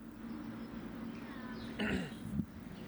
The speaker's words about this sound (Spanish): ¿Cómo está la garganta? ¿Bien ese carraspeo?